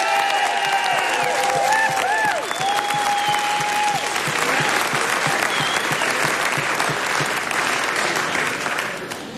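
A large crowd applauds loudly and steadily, dense clapping filling the whole stretch, with a few whoops and whistles rising over it early on before the ovation slowly thins at the end.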